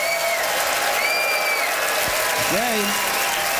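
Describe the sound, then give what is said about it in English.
An Ottawa audience votes by applause for a debater's pro-Tom Cruise points, a dense, continuous wash of clapping that stays loud throughout, with a few whistles and cheers rising above it. “All right, it is up to you to vote, Ottawa, by applause, who thought that”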